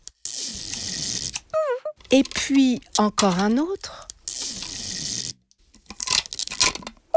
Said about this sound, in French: Toudou prend le scotch pour coller les murs de la maison ensemble. Il déroule un grand bout de scotch.